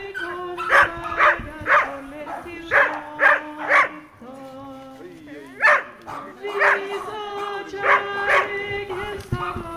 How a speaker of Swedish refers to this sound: Det var som många hundar och glada människor. Så att det var jättefint. Och hundarna trivdes som.